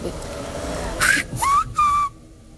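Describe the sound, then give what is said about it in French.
A word whistled in Silbo, a whistled form of Spanish: three loud, sliding whistle notes with sharp breathy onsets. A faint background hum precedes them, and silence follows. “Porque parce qu'il y a des consonnes qu'on ne peut pas siffler. Et si par exemple, on veut dire hermano, pourquoi ça va être différent?”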